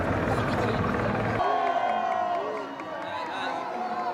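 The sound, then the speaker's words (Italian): A huge crowd roars and cheers continuously below a stage in the town hall square in Spain, celebrating a team's players, many overlapping voices shouting together, loud, with a heavy rumbling drone under the first second before the cheering opens up. “Poi le celebrazioni che si spostano su 4 ruote, direzione finale Piazza del Municipio, un palco e sotto ancora una folla oceanica per il momento clou.”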